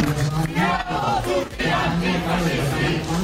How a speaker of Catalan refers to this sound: Els manifestants que es van concentrar davant la porta del Brandenburg al crit d'aquí estan els antifeixistes. Que està bé, que surtin els antifeixistes a protestar, però van ser només 5.000.